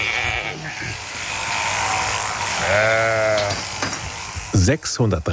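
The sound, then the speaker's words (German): A steady electric buzz of shearing clippers runs throughout as a sheep, held sitting on its rear, is sheared; it lets out a loud, wavering bleat midway and a couple of shorter cries near the end. “Aber kein Schaf findet das besonders lustig, so auf den Hintern zu sitzen, ne?”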